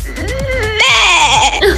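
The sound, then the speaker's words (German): A person from NRW, Germany, imitates a sheep in a voice message, with one long, loud, wavering bleat that quavers throughout and jumps higher and brighter partway through, vocal and nasal like a lamb's baa, with no other talking. “Oder so ein Schaf.”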